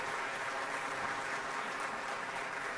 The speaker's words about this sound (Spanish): Un fuerte aplauso, hermanos. No es fácil pararse aquí enfrente.